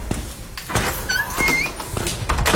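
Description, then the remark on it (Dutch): A door opens, its hinge giving a couple of short, high squeaks amid soft clunks and handling noise. No one speaks. “Eerst even die deur door.”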